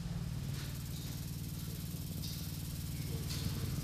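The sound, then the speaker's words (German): Continuously vibrating textile-like sculptures, made from a curtain, give a steady, continuous low buzzing drone with a dense, rattling texture that holds level throughout, joined by faint higher hissy flickers now and then; no voices are heard. “Und diese Skulpturen vibrieren fortwährend. Das müssen wir uns auch mal anhören und näher rangehen.”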